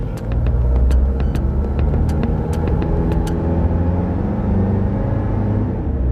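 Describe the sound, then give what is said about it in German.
A car engine rumbles as the driver engages first gear and the vehicle pulls away, with a few sharp mechanical clicks early on before settling into a steady, low driving drone. No one speaks. “Dann hat er dieses Bündel ergriffen und kam dann sehr zügigen Schrittes zu uns ins Auto, hat sich reingesetzt, hat den ersten Gang eingelegt und weg.”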